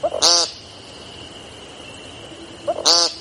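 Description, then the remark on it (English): An American woodcock gives two loud, harsh, nasal peent calls about two and a half seconds apart, each preceded by a soft clucking note, over a steady high insect drone. “Their brown and black speckles camouflage them perfectly until they sing, which sounds less like singing and more like yelling the word peent. Over and over.”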